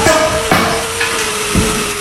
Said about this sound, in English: The sound of hammers is replacing the silence left behind last year's devastating wildfire in Denaire Beach.